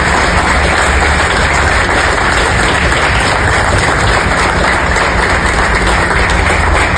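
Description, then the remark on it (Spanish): A crowd applauds loudly and steadily for about seven seconds for the team of the National Olympic Committee, a dense, even wash of clapping with no one speaking over it. “y que les pido de la manera más respetuosa un sincero aplauso a todo nuestro equipo, Comité Olímpico Nacional.”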